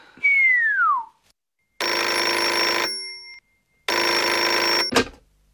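A brief falling whistle-like tone, then two long, loud rings of an old-fashioned telephone bell, the second cut off by a sharp click. No one speaks.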